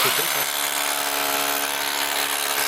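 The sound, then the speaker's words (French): A hammer drill runs steadily, a loud, dense mechanical whine with a constant buzzing drone that holds without pause for a few seconds. “C'est, ouais, c'est une perceuse marteau percuteur.”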